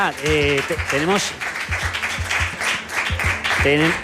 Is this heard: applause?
yes